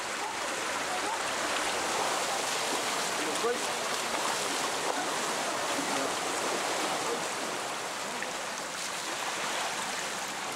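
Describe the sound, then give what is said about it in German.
Rushing floodwater in Bulgaria's Danube valley, fed by torrents from the Balkan Mountains and flooding houses, roars steadily for the whole clip, a dense, unbroken hiss and churn of moving water that stays loud and even throughout. “Die Wassermassen verschlucken das Wenige, was die Menschen haben.”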